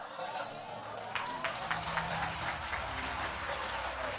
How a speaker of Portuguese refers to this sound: Bata palmas e dá glória.